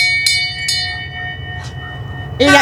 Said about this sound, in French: Nous, on a deux klaxons. Si Émile pouvait les mettre, les klaxons et la petite cloche.